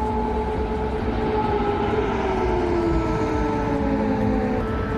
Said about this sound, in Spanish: Así sonaban las alarmas, las sirenas.